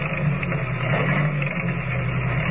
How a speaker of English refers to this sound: Driving the station agent's old car along the winding road, Kent and Lois go on to the Barrow Ranch. With less than a mile to go, the stillness of the night is broken only by the steady chugging of the ancient motor as it struggles laboriously